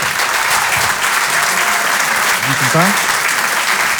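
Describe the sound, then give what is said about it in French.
An audience at the Rire et Chanson Comedy Club applauds loudly and steadily for the whole stretch as comedian Denis Maréchal is introduced, a dense wash of clapping with a brief voice calling out partway through. “Je vous demande de l'applaudir très fort également lui aussi.”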